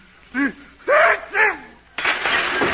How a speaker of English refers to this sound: And then I excuse me, I got to sneeze.